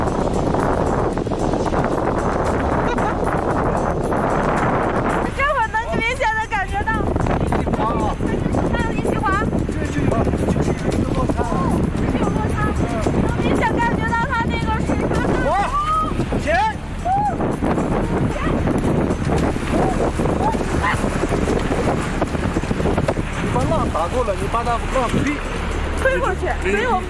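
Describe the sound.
A steady, loud roar of rushing river rapids surrounds a boat for the whole stretch in a V-shaped gorge where the valley terrain changes sharply, with excited voices calling out over the churning current.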